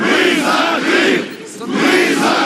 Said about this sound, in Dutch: Enkele honderden Russisch sprekende inwoners van de Krim protesteren voor het regionale parlement.